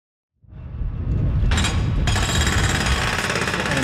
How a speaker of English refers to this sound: the sounds of building at a construction site just across the street start to drown out our